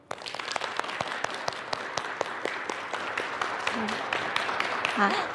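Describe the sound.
Steady applause from an audience of students at an exhibition, many hands clapping in a dense, continuous patter at moderate volume for several seconds, with faint murmured voices underneath, welcoming one of the exhibition's curators to give a lesson.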